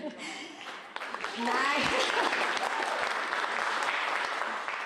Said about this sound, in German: Nein, die verdienen die Applaus, die Tänzer.